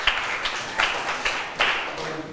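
A handful of sharp hand claps, about five, land at uneven intervals over a steady background hiss, each a brief bright smack rising above the noise, as students in a lesson clap for themselves after a right answer.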